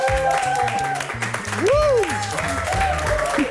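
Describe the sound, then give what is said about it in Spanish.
An audience on the show Nos Bebemos applauds steadily and loudly throughout as a guest is welcomed, the dense clapping running under upbeat music with a thumping bass line, and a rising-then-falling whoop or cheer briefly cuts through midway. “Un gran aplauso y bienvenido a Nos Bebemos”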